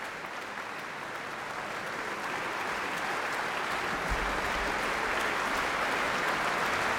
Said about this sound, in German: Und geht von der Bühne. Das Orchester steht noch und nimmt den Applaus entgegen.